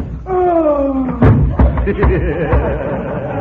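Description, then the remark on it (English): A sharp punch lands after a drawn-out vocal groan in a boxing match, followed by several heavy thuds as the knocked-out boxer collapses, with murmuring voices continuing underneath. “You've knocked him out.”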